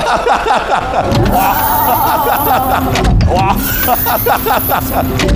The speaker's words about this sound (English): A nice gimmick with, you know, the, I don't know how to call it, the flying doors opening, which was nice.